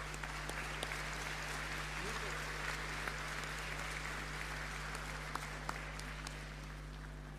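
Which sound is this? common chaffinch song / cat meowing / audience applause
audience applause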